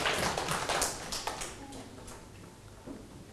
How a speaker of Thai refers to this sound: ถูกต้องปรบมือให้ตัวเองอีกครั้งเก่งมาก